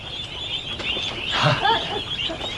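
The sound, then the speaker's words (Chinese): Ducks quacking in a short, busy cluster of nasal calls around the middle, over a steady outdoor background hiss. “鸭子怎么了？”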